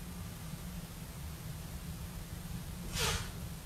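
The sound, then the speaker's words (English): One short, sharp sneeze from allergies bursts out, a breathy hiss that fades quickly, over a low steady hum with no talking. “I'm going through a sneezing fit. My allergies are killing me.”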